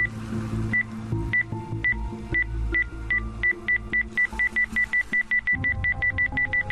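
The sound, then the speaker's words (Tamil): A metal detector beeps at flowers on a plant that are really micro cameras with bombs, with short, high-pitched tones, spaced apart at first, then quickening into a rapid, steady run of beeps over a low, droning background. “என்ன சார், பூவுக்குள்ளலாம் நம்ம detector sound கொடுக்குது?”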